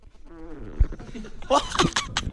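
A wavering, fart-like squeak from a person's buttocks rubbing on a plastic-coated chair, fairly loud and lasting about a second, followed by a few sharp, noisy bursts.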